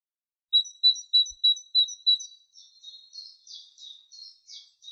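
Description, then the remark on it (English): A great tit (Parus major), a small bird, sings alone in a quiet forest: six clear, ringing whistled notes in a steady rhythm, then a run of softer, more varied chirps that fade slightly. “Okay, so these are the songs of the Paris major bird. It's a small bird, also called the great tit, a bird closely related to our chickadees here in Ontario.”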